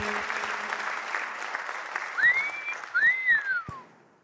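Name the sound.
audience clapping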